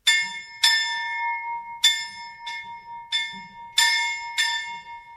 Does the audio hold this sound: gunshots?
no